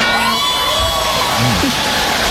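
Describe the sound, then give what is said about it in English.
A loud crowd cheering and whooping, a dense roar of many voices with rising shouts and a few sliding whoops cutting through, sustained without pause. “Listen to that crowd reaction to him.”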